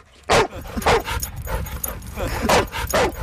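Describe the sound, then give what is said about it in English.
Dogs bark in sharp, loud bursts at the Marymore Off-Leash Dog Park, several overlapping barks and yips spaced irregularly, against a busy outdoor background with a faint murmur of voices. “Just 2 miles south of the abandoned heron rookery is the Marymore Off-Leash Dog Park.”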